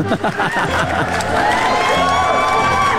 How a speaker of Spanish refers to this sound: Oigan, pues están en todo lo correcto, así que aplausos para cada uno de ustedes.